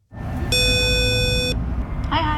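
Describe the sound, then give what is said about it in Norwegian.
An intercom door buzzer at the Norwegian Band Federation (Norges Musikkorpsforbund), rung by a visitor, sounds once, a steady electronic buzz lasting about a second over low outdoor rumble, and then a voice begins to speak. “Vi pushet hun ned til Norges Musikkorpsforbund, og der ringte hun på.”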